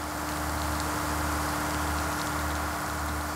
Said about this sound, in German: Die erste Kameraeinstellung, Regen auf der Frontscheibe des fahrenden Autos.